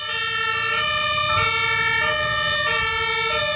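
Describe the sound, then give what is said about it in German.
Loud sirens of Johanniter ambulance, fire brigade and police vehicles wail on a road at the ADAC driving safety training ground in Laatzen near Hannover, Germany, during a demonstration; their stacked tones step between two pitches in a steady alternating pattern over a low engine rumble, with no voices. “Diese Geräusche sind genau die, die man im Verkehr nicht hören möchte, denn sie heißen nichts Gutes. Johanniter, Feuerwehr und Polizei demonstrieren auf dem Trainingsgelände des ADAC in Hannover den Ernstfall.”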